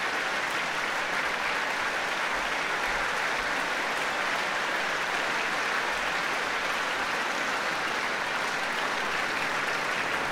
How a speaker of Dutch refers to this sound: Alle strijkers mogen gaan staan van Lavsani om dit applaus in ontvangst te nemen hier in Rotterdam.